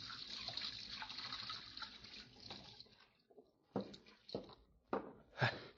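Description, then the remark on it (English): Water runs steadily from a tap into a washstand basin in a tailor's little back room for a few seconds, then stops. A series of splashes and sloshing follows as hands scoop and splash water while washing. “Then I went over to the washstand and started to wash.”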